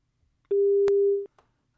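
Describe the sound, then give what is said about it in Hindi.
A telephone busy tone after a radio programme's phone-in call from a listener is cut off sounds once as a steady, clear beep lasting under a second, with a sharp click partway through and near-silence around it. “Phone line cut चुकी है।”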